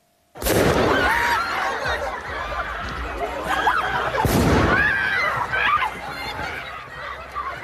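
Two sharp, loud firecracker bangs burst out a few seconds apart as protesters outside Paris, France, throw firecrackers at riot police, over a dense, noisy crowd with shouting and yelling throughout, the blasts echoing.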